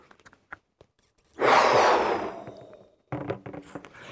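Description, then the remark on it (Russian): A single deep, forceful exhale blown into a balloon as a breathing-training exercise, a breathy rush lasting over a second that tapers off, followed by soft rubbery rustling and small handling noises. “А теперь выдохнуть надо в шарик.”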